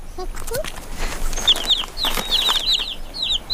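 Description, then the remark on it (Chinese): Baby chicks cheep in quick bursts of thin, high peeps that start after a brief pause and keep coming in clusters, fairly clear over a steady background hiss. “这样黄鼠狼就找不到小鸡们了。”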